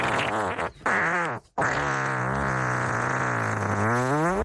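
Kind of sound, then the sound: human body sound, long drawn-out fart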